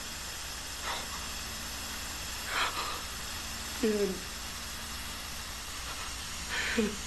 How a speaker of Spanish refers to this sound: Y un gas llena el auto.